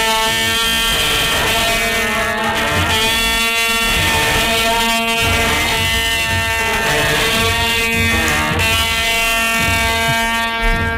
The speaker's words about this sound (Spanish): El añafil es un instrumento musical que nació en época andalusí. Es una trompeta recta y alargada de metal que se usa para anunciar el movimiento del paso durante los desfiles procesionales. Pero ¿cómo suena un añafil?